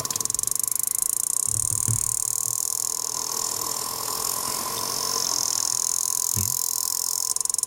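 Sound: sperm whale clicks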